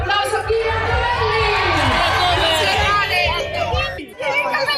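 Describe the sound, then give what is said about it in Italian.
A dense crowd of tifosi cheers and shouts continuously at the Monza race track around young Mercedes driver Kimi Antonelli, Formula 1 championship leader, many excited voices overlapping into a loud roar, with a low rhythmic thumping underneath and a brief dip near the end. “Tifosi scatenati attorno al loro giovane campione.”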